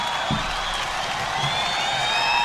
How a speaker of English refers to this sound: And that was … live, as you can tell. There's a good crowd there.